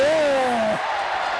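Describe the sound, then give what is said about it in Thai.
A loud, dense roar of a cheering crowd outside a sports ground, heard from the pitch-side media area, fills the background, steady and continuous, with a single voice calling out briefly over it at the start. “ตอนนี้นะได้ยินเสียงดังมากเลยครับคือเสียงเชียร์จากข้างนอกนะฮะ”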